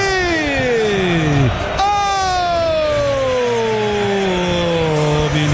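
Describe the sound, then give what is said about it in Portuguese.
Palmeiras fans celebrate a goal loudly in a stadium in the first half as Palmeiras lead Corinthians 2-0 in Brazil, a steady crowd roar with a prominent wailing tone that slides down in pitch, jumps back up midway, then slowly falls again. “E é festa absoluta do Alviverde neste primeiro tempo, com um golaço coletivo.”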